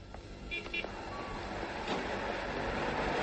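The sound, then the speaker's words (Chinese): A car horn gives two quick honks near the start, standing out over steady traffic-like rumble and background noise that continue to the end. “汽车喇叭声中断了西南的回忆。”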